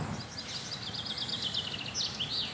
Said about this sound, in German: Die Birdscanner-App verrät, Halsbandsittich, Amsel, Alexandersittich, Buchfink und Ringeltaube sind gerade unterwegs.